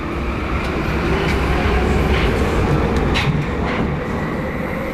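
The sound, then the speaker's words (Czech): A Prague metro train rumbles steadily into Staroměstská station, its low roar loud, with faint metallic squeals and clicks rising over the dense mechanical noise. “Stanice Staroměstská pražského metra.”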